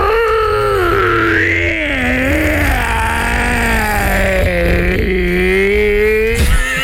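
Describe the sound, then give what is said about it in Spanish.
A person imitates a hoarse, wolf-like howl: one long, loud, raspy wail held for several seconds, sliding up and then slowly down in pitch, with no talking. “Hacía un aullido como si fuera un lobo. ¿Cómo? Pero un lobo ronco, así como con problemas en la garganta.”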